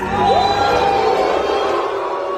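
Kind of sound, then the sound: crowd, audience whistling and booing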